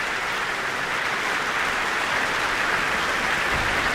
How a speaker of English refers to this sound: And that applause is for conductor Jaime Martín.